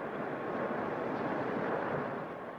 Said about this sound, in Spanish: Estoy atrapado entre la roca de la caverna y este muro de cristal. De ahí, de la roca, empieza a brotar agua.